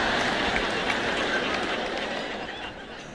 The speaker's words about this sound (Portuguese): Bem, isso não merece tantos aplausos, não é mesmo?